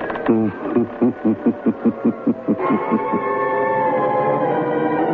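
A slow, groaning door creak made of a rapid series of rhythmic, pitched pulses, giving way after a couple of seconds to a sustained, droning musical tone.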